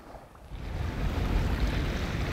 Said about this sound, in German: Und jetzt nur die Natur, ohne Motorgeräusche. Das Wasser pur genießen.